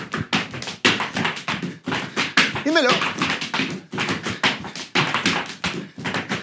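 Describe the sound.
Zapateo dance in the Kimba Fa show: rapid, rhythmic heel-and-toe foot tapping in a steady stream of loud, sharp percussive strikes, with a brief shouted voice calling out partway through.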